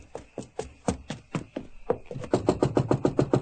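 Knocking on a door at 2 o'clock in the morning, a handful of separate raps at first, then a quicker, louder burst of insistent pounding that keeps going. No one speaks.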